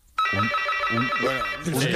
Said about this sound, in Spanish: Un teleportero. Hace años que no escuchaba esa palabra.